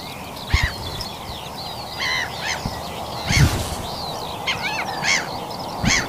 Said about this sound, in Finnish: Ja näihin tunnelmiin on hyvä päättää tämä linnunlaulujen aamu ja kannustaa kaikkia, jos vaan mahdollista, niin valvomaan joku aamu ja kuuntelemaan lintuja. Tämä on ihan mahtavaa.